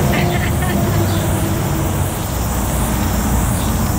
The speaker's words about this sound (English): So, and also cars and bikes, as you can hear.